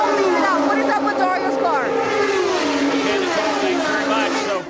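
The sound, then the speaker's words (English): Loud, continuous roar of race car engines on a noisy pit lane during a race, nearing the halfway point, with several pitch sweeps as cars pass by, and a voice talking faintly underneath the din. “Nicole Mansky down there on what is a very noisy pit lane”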